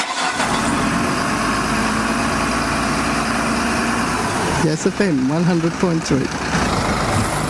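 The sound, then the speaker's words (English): A heavy truck engine idles in the morning around Yass, with a steady, loud rumble for several seconds, then keeps running under a brief spoken voice near the end. “And I don't know if the trucks were starting up this morning, but they usually are around Yass.”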